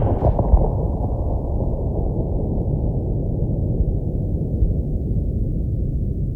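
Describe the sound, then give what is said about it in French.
A single heavy cannon blast booms in the distance on a deep evening with snow falling, its sharp crack giving way to a long, low rolling rumble that lingers for several seconds. “Le canon là-bas a défoncé le soir profond avec un bruit de cataclysme.”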